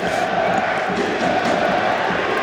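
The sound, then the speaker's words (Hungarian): A dense, steady roar of the Győr home crowd cheering on its team during a football match against Riga as Győr lines up a free kick, loud and sustained with no pauses, voices blending into a continuous wash of noise. “A győri közönség támogatja a csapatot”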